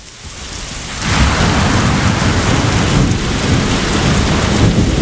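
A heavy thunderstorm: steady, dense rain roars throughout while a deep rumble of thunder swells in after the first second and keeps rolling underneath. No voices are heard.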